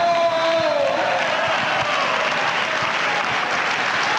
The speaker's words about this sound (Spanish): ¡Dele aplauso!